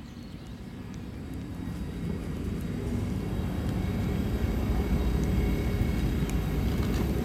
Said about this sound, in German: Es ist 11:15, das heißt, hier in Basel fahren jetzt gleich die Züge ein. Wie immer zur vollen Stunde und alle ungefähr gleichzeitig.